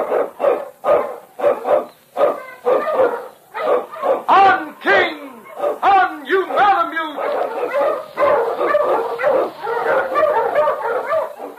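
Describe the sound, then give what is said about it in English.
Sled dogs, led by the Eskimo lead dog King, bark loudly in quick, irregular bursts of sharp yips, then blur into an excited, overlapping chorus of yelps and whines that carries on without a break, blazing the trail through storm and snow in the Yukon. “Wonder Dog King, swiftest and strongest of Eskimo lead dogs, blazes the trail through storm and snow for Sergeant Preston as he meets the Challenge of the Yukon.”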